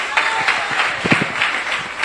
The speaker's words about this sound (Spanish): Dele fuerte ese aplauso al Cristo de la gloria.